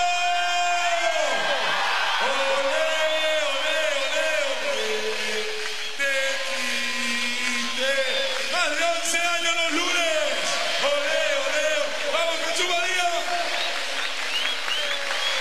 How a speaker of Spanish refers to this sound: Me parece que no se escuchó nada y los chicos están atrás. A ver, Jesús María, llamamos a los taquis una más. ¡Vamos, Jesús María, el grito!